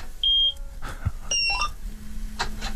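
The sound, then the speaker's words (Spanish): A combine harvester's ignition switched on with its car-like key for a radio broadcast: several short, high electronic beeps and chirps ring out, then a steady low hum sets in underneath. No one speaks. “Estoy por pedirte que gires la llave, a ver si se escucha por la radio.”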